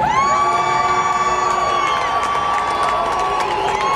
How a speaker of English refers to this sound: Boo all you want to. Boo away.